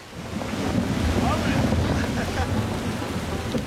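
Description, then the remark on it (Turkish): Rain begins to fall during a thunderstorm as a steady, dense hiss that swells in over the first moment, with a low rumbling, wind-like roar beneath it and no voices. “Yağmur başlıyor.”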